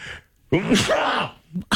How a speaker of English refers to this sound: I'm fighting a sneeze. I feel the tickle. I feel...